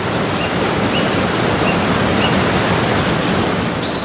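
A dense, steady roar of rushing water fills the whole recording, loud, like a torrent thundering down without pause: a wall of water of the Jordan River crashing down. No voices are present.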